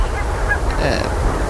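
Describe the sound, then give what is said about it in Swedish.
Geese honk a few times, their calls rising briefly over a steady low rumble of wind and surf, by the sea on a clear, starry night with damp air and a south wind of about 5 metres per second; the geese keep moving back and forth. “De rör sig hela tiden, gässen, fram och tillbaka.”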